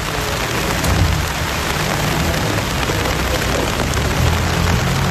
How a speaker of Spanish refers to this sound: Minuto de silencio bajo esa intensa lluvia que escuchamos de fondo